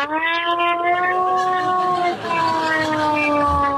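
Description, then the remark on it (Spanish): A loud mechanical air-raid siren with no electronic parts wails in a steady, rich tone, its pitch drifting slightly lower, briefly faltering around the middle before sounding on continuously. “Una sirena como antiaérea, ¿no?”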